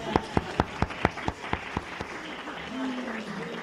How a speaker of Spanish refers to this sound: Muy bien, un aplauso para el hermano.